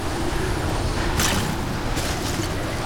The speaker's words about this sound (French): Le vent hurle dans mes oreilles, mais j'entends quand même un bruit.